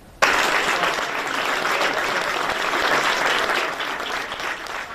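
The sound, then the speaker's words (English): Loud, sustained applause as Britain's new Prime Minister Andy Burnham and his wife step inside number 10 Downing Street; it begins abruptly and continues steadily as a dense wash of many hands clapping, with no voices standing out. “Andy Burnham and his wife stepped inside their new home, number 10 Downing Street, to loud applause earlier.”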